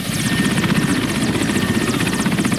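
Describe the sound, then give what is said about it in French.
A helicopter flying toward Mongualou, about 80 km north of Bounia, its rotor thumping in a fast, steady pulse with a loud engine roar, continuous throughout. “Direction Mongualou, à environ 80 km au nord de Bounia, à bord d'un hélicoptère.”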